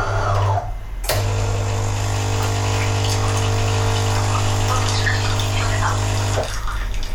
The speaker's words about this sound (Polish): Oczywiście muszę powiedzieć, że zasilacz poradził sobie z zasileniem ekspresu, żeby kawę zaparzyć. Teraz będziemy płukać ekspres.